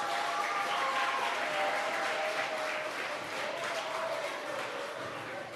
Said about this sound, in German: So, auch für die 3 einen Applaus, bitte.